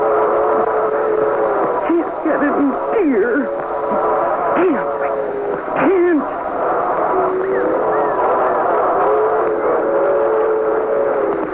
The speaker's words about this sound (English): No. No, there's a train.